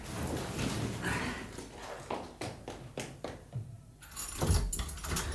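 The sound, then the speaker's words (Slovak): Changing-room keys jangle and clink in a series of sharp metallic rattles, with a brief pause before a final burst of jingling near the end. No one speaks. “Tam sú kľúčiky od šatne.”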